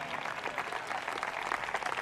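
An audience applauds steadily, giving a loud round of applause to Christ at a preacher's call, a dense continuous patter of many hands clapping together, with no voices standing out.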